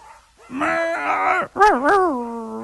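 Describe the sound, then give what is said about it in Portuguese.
A dog whimpers and howls: a long, steady whining cry, a brief break, then a second wavering howl that rises and falls. No one speaks. “Fala, cachorro!”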